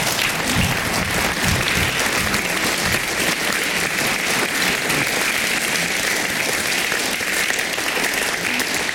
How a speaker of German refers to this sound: Sie haben sie schon gehört und ich bitte noch mal um einen tosenden Applaus.